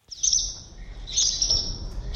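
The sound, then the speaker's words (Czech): Swallows nesting under a bridge under construction in Břeclav, Czech Republic, twitter in quick, high-pitched bursts, two longer chattering runs and the start of a third, over a low steady rumble with no voices. “Pod mostem jsme během několika minut našli 5 vlaštovčích hnízd.”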